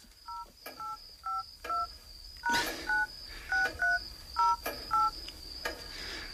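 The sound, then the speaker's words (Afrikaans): Mobile phone keypad tones as a phone PIN is entered in the middle of the night: about a dozen short, bright dual-tone beeps pressed at an uneven pace, clear, with a faint high whine and a soft tap or two underneath. “Wat is my selfoon se pinkode?”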